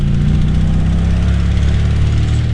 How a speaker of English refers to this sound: A dilapidated car that a company employee is driving along a dirt road.